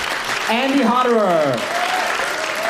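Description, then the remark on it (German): Steady audience applause after a jazz solo by trumpeter Andy Hodderer of the WDR Big Band, a dense wash of clapping throughout, with a voice briefly rising and falling over it in the first half, like a cheer or call from the crowd. “Applaus, vor allem aber die Interaktion mit dem Publikum, gehören für den gebürtigen Österreicher zum Musizieren einfach dazu.”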